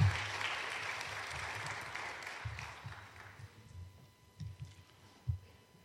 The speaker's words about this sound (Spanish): Denle un aplauso al Señor Jesucristo, hermanos. Podéis sentar.